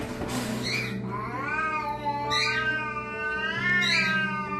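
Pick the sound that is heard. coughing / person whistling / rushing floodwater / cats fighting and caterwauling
cats fighting and caterwauling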